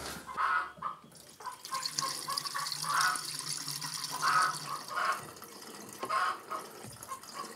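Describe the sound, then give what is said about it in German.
Cooling water is refilled into a generator, pouring steadily in a continuous splashing, gurgling fill with bubbly bursts recurring every second or so as the liquid sloshes in. No one speaks. “Aber das bedeutet jetzt, dass ich da ein bisschen Kühlwasser nachfüllen muss.”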